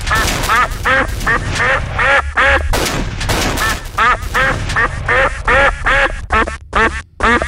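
A duck quacks loudly, a rapid, almost continuous run of nasal quacks with brief pauses between bursts. No talking is heard.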